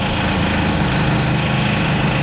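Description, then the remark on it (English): A steady, loud mechanical drone like drilling, heard in a living room through the wall from the apartment next door, a continuous motor hum with a low rumbling buzz and a thin high whine, unbroken throughout, with no voices. “I went home yesterday to my apartment, right, and heard some noises coming through the wall, which I thought was drilling.”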